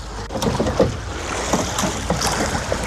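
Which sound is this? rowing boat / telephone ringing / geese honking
rowing boat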